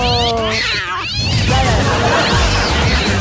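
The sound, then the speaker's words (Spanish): An angry cat lets out a loud, drawn-out meow with rising and falling harmonics, followed by rougher, agitated yowling over a busy, noisy background for about three seconds. “¡El gatito!”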